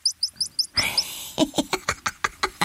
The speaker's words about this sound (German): Natürlich, ja, Ziesel zirpen, die Ziesel, claro, also ich denke, das ist jetzt wirklich zieselinisch.